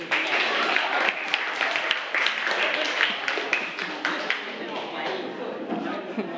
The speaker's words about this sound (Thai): ปรบมือให้สุดหล่อหน่อย